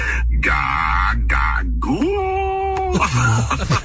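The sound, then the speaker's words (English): An AI voice imitates a newborn baby crying, with several wailing bursts and a long sustained, slightly wavering cry in the middle, loud and alone without spoken words. “Can you just like make the sound of a baby in the background so I can say I gotta go?”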